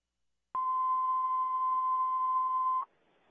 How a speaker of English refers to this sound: Plus, the spot fire department cancellation tones.